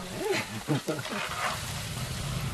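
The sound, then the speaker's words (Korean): Steady sizzling of green chili peppers being deep-fried into pepper chips (gochu bugak) in hot oil, a broad crackling hiss that runs throughout, with a person talking briefly over it at the start. “국악은 제가 한번 튀겨보겠습니다.”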